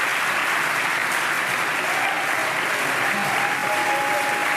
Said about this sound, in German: Und ganz viele Promis und Jubel im Moment in Baden-Baden.